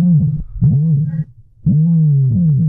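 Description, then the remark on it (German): Deep, booming calls from an ostrich, the world's largest bird, a low resonant drone in three long pulses with a short gap between the first two and a longer pause before the last, with no talking. “Das, liebe Inselradiohörer, ist der größte Vogel der Welt, der Strauß.”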